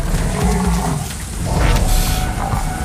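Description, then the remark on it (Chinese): African buffalo grunting and lowing in deep, rumbling bursts below a lion trapped up a tree, over a steady noisy background, fairly loud throughout the few seconds, with no one speaking. “他被困在上面了，只能看着下面的非洲水牛。非洲水牛能闻到他的气味，看，快看！”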